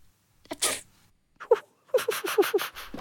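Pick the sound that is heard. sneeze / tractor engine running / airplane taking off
sneeze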